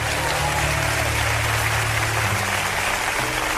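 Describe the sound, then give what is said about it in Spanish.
An audience applauds in a dense, steady wash of clapping that holds at an even, fairly loud level for several seconds. A low hum runs underneath, and no one speaks. “Muy bien, aplauso.”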